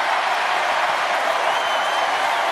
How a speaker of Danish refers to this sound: Det får altså stort bifald, faldt i god jord hos publikum, kan man høre.